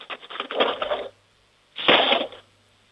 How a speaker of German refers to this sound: Jetzt bin ich mal gespannt, wie das klingt, wenn du die Bestecklade aufmachst und einen Haufen Löffeln rausnimmst und sie in die Bestecklade reinfallen lässt.